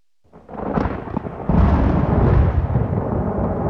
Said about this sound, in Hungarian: Zivatar.